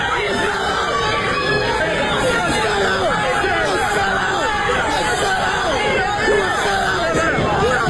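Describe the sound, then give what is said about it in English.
Chaotic shouting at a city council meeting: many voices yelling over one another in a steady, loud, overlapping din, with no single speaker standing out for the full eight seconds. “It was chaos. And so it goes on. People are screaming.”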